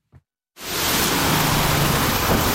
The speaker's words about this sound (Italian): mentre piove a dirotto